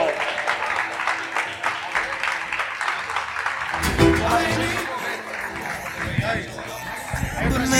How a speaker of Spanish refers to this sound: Un aplauso.